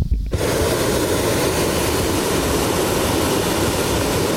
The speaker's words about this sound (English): There's a balloon glow on Friday and Saturday evening, with 19 hot air balloons set up for viewing. Propane tanks emit a fiery gas into the balloon's envelope to keep it, well, inflated.